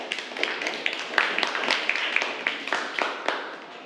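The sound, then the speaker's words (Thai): Students in a classroom clapping for group 5 before it presents on reading prose aloud, a steady, dense patter of sharp claps lasting several seconds, fairly loud and even, with no voices over it. “เดี๋ยวจะให้นักเรียนกลุ่มที่5เป็นผู้นำเสนอความรู้นี้นะคะใบกิจกรรมเพิ่มพูนหลักการอ่านออกเสียงร้อยแก้วค่ะขอเสียงปรบมือให้กับกลุ่มที่5ด้วยค่ะ”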